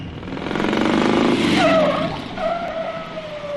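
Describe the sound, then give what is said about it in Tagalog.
A motor tricycle rumbles up and brakes, its engine noise swelling then easing as a high brake squeal whines and trails off, with no voices. “Tricycle! Tricycle!”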